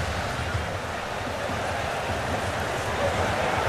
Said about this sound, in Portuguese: A chuva é intensa. Chove e chove muito. Você consegue perceber com o som da torcida gritando? A água intermitente batendo nos microfones.